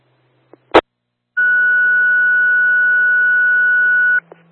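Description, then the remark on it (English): Fire dispatch radio cancel tones sent to cancel a responding unit: after a sharp click and a burst of noise, a single loud, steady electronic tone holds for about three seconds over radio hiss and a low hum, then cuts off. “I'm going to send cancel tones.”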